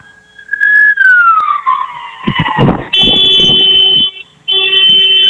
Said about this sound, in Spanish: Necesito que me regales dos bocinazos largos. Sí, claro. Hola. ¿Qué fue eso? Mis bocinazos.